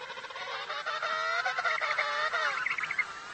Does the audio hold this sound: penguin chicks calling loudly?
yes